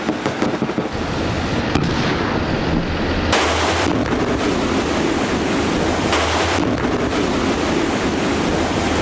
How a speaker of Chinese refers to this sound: 海上风高浪急，驾驶员依令加速行驶，利用惯性克服海浪和暗涌对车辆影响，形成一个短暂的平稳间隙。